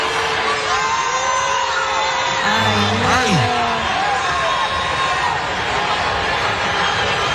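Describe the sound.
A large crowd boos and jeers in a loud, continuous roar, with drawn-out voices and sharp whistles rising from the mass throughout.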